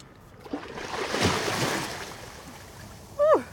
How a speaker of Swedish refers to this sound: Men jag tänker jag hoppar bara i, gud vad varmt det var i vattnet.